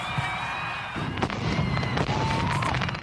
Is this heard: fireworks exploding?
yes